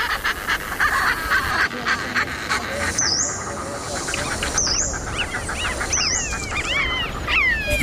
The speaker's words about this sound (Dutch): De grote pieper.